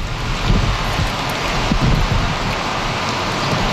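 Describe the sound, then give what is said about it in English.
Steady heavy rain pours down outdoors in Calgary, Canada, a dense, continuous hiss with scattered patters and low rumbling gusts, fairly loud throughout, with no voices. “Rain and more rain for Calgary this weekend and likely continuing into Tuesday morning.”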